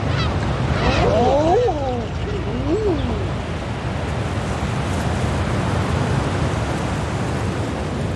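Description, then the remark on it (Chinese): A few soft, rising-and-falling cooing calls of adult common eider ducks with their chicks on the sea around Inishtrahull Island ring out early over a steady wash of sea surf, then only the continuous rush of water remains. “海面上，留意这些雏鸟的成年欧绒鸭越多越好。”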